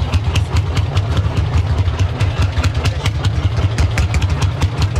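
A loud old tractor engine runs, its heavy low thumping steady and rough, with rattling clatter layered on top throughout and no talking.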